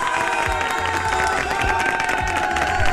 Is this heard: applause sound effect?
yes